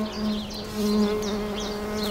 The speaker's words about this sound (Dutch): Oh. En dan hoor je dat hele hoge. Ja. Dat is een hele bijzondere manier die hommels gebruiken om het stuifmeel de helmhokken te trillen. Dus zij zoeken de eigen frequentie op van de helmhokken door met hun vleugeltjes te trillen.